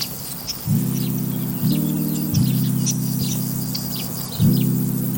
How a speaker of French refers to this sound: Donc là, on entend des qui ? On entend les grillons et les criquets. Et puis, après, d'autres insectes dont je ne connais pas le nom. Mais c'est vrai qu'il y a un son constant comme ça, un brombissement permanent.